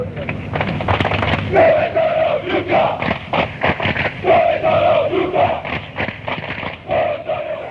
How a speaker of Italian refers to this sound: Dove sono l'ultra, questa si grida alla tifoseria avversaria quando loro non si presentano lì, o quando sono in pochi, o quando arrivano tardi, o quando non ci sono davvero. Sempre molto ironico